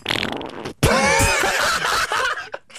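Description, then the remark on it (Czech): A loud, drawn-out fart, opening with a rough burst and stretching into a squeaky, wavering tone for a couple of seconds before trailing off in a few short sputters. “Co to leze? Co? Prdík!”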